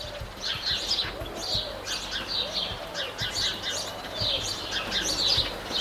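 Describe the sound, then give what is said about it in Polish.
Small songbirds chirp and trill continuously in bright, high bursts, several overlapping calls over a steady low background hum, with no talking. “No w każdym razie jakieś takie ptaszki śpiewające, ćwirkające.”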